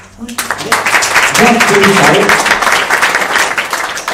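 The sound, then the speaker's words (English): A crowd at the opening of a spiritual and cultural center bursts into steady, loud applause, many hands clapping in a dense, continuous patter, with a few voices calling out briefly in the middle. “Remember one thing, when you're clapping hands, a lot of your points, you know, acupressure points, they get become active.”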